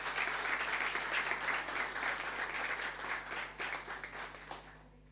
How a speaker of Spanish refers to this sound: Fuerte aplauso para los funcionarios que trabajaron.